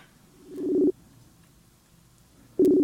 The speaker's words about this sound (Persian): شماره شون رو میگیرم من.